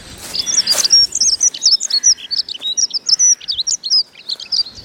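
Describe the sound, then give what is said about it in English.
Morning woodland birdsong under a newly green canopy: a busy chorus of high, rapid chirps, peeps and warbling trills overlapping continuously, rising from the treetops, hedges, leaf litter and fence posts, with no voices present. “It fills the woods with peeping and chirruping, warbling and jittering.”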